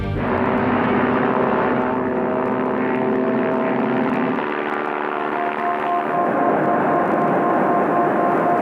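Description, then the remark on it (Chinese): A propeller airplane's engine drones loudly and steadily throughout, its tone shifting slightly partway through as it flies on, on an inspection tour by plane of 10 provinces within one month. No voices. “他在一个月内乘飞机连续视察了10个省份。”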